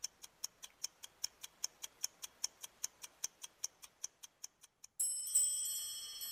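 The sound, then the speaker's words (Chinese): A mechanical automaton clock showing an elephant pulling a war chariot, whose trunk, tail and eyes move, ticks in a fast, steady rhythm, about twenty crisp ticks, then gives way to bright, sustained chiming tones like a small music box. “象拉战车钟反映的是英国军队开赴战场的情景，大象的鼻子、尾巴、眼睛都可以动，花样如此繁多，几乎让人忘了这是用于计时的钟表。”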